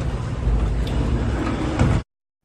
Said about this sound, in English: Saved by the elevator doors.